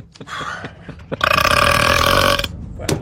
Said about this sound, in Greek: Ο … ρεύτηκε.